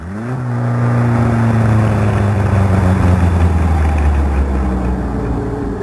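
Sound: car engine driving off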